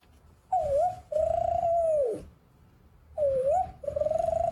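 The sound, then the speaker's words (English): A voice mimics an Australian spotted dove's call: twice, a short wavering coo followed by a long, steady, hummed note, fairly loud, with a brief pause between the two phrases. “The spotted dove, yes.”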